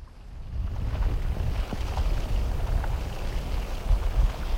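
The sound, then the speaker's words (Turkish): Ice layers shift on a lake that is freezing over in a steady, deep rumbling groan, with faint scattered creaks and ticks flickering through it and no voices. “Göl sanki nefes alıp veriyor. Buz katmanları inip kalkan göğsü gibi kıpırdanıyor.”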